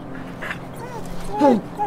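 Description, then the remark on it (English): A stray dog whimpers and yips, with a couple of short, high, sliding whines that rise and fall and grow louder toward the end, over a low steady background hum. “Did you not hear me, dog?”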